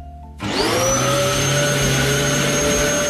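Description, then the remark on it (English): A vacuum cleaner switches on with a sudden surge and settles into a loud, steady whining roar with sustained high-pitched tones, running continuously. “Yeah, it's a vacuum.”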